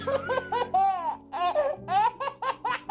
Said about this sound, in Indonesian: Suara bayi Jawa.